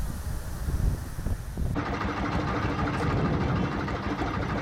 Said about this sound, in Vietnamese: Mỗi lần ghe cập bến là cả xóm biển rộn ràng hẳn lên. Bến cá nhỏ bỗng vang lên tiếng ghe máy, tiếng người mua bán và cả tiếng cười nói rộn rã của xóm biển.